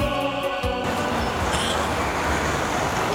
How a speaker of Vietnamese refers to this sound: Thưa quý vị và các bạn, chúng tôi đang có mặt tại một quảng trường lớn nơi hội tụ 3 nhà ga. Đó chính là nhà ga Yaroslav đi về phương Đông, Leningrad đi Saint Petersburg và nhà ga Kazan đi về phương Nam.